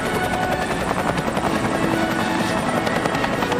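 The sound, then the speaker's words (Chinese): Loud, steady thrum of military helicopters of an air assault echelon passing low overhead at a field parade, armed helicopters escorting 18 transport helicopters carrying two companies: a dense continuous rotor roar filling the whole stretch with no voices. “另外8架武装直升机担任贴近掩护，确保18架运输直升机上的2个连安全投入战场。”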